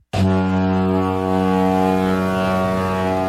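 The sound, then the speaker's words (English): A single deep, steady ship horn blast starts abruptly and holds loud and unbroken for over three seconds, its rich low drone filling the space with no voices. “All right, the boat is loaded with supplies, and we are ready to set sail.”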